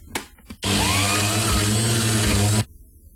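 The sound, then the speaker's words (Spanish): A kitchen blender whirs loudly and steadily for about two seconds, a dense motor roar with a low hum, starting and stopping abruptly after a couple of brief clicks. “Ahí también suena, espérate, es algo de la cocina. La con una licuadora. ¿La licuadora? Juice maker.”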